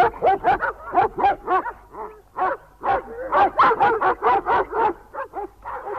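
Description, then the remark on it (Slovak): Several dogs, called Hektor, Trhan, Rexo and Tiger, bark and yip excitedly as they are urged on to chase, in a rapid, overlapping, loud volley with barely a pause across the whole stretch, like a pack in full pursuit. “Trhan, chyť ho. Na nich, Rexo, Tiger, na nich.”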